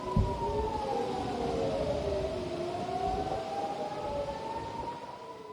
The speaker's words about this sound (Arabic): هذا وأفاد مراسل التلفزيون العربي بأن صفارات الإنذار التي نسمعها الآن قد دوت في بلدات عدة شمالي إسرائيل مع إطلاق الصواريخ من لبنان.